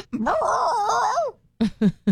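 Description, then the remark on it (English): A dog lets out a long, wavering whine-like moan that rises and falls in pitch for over a second, then falls silent before two short, sharp yelps. “You speak dog. So that's what you heard right there.”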